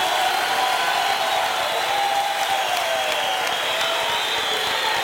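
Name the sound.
audience applauding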